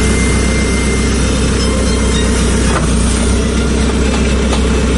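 A heavy excavator engine drones steadily throughout, a loud low rumble with constant mechanical rattle and a few faint clanks; no one speaks.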